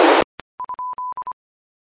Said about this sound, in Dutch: En ik hoorde het signaaltje binnenkomen en ik zie het ook heel zwak op de ingang. Dus het gaat goed zo.